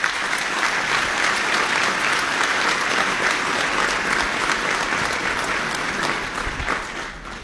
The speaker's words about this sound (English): He is here today, and I would ask you to please give him a round of applause.